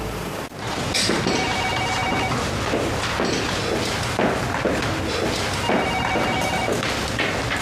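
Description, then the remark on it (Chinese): A phone rings in two long repeating bursts with a pause between, going unanswered, over a busy backdrop of dull thumps and knocks. “怎么不接我电话呀？”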